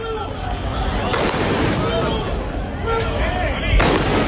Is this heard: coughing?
no